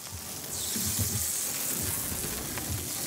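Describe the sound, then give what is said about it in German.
Small mackerel, caught at sea with a fishing rod that morning, sizzle steadily in a frying pan, a dense crackling hiss that swells just after the start and continues even throughout, with no talking. “Während die kleinen Makrelen brutzeln”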